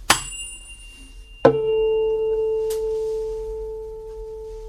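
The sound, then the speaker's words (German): A tuning fork is struck twice against a harder object to tune a guitar: a sharp tap, then a second strike that leaves a steady, pure tone at A ringing on and slowly fading. No one speaks. “Man nimmt eine Stimmgabel, klopft sie gegen einen etwas härteren Gegenstand und hält sie dann an die Gitarre.”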